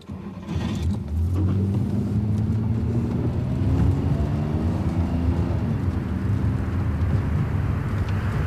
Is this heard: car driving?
yes